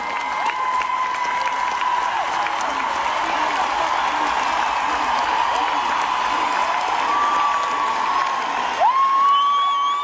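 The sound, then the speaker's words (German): A large audience at a live stage show cheers and applauds continuously, a dense roar of clapping and shouting voices with scattered whoops and a shrill whistle near the end. “Das Publikum rastet natürlich auch aus.”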